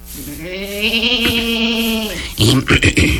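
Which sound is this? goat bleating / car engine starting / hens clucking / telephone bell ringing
goat bleating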